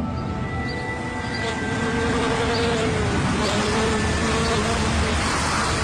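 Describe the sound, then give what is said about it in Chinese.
A steady, dense drone of bees buzzing, several insects humming at once with pitches that rise and fall as they move around, continuing throughout. The bees belong to beekeepers working with local farm owners in Xinjiang, China. “将荒原点亮的不只有人，还有蜜蜂的功劳。”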